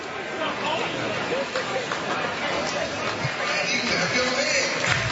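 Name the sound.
ballpark crowd chatter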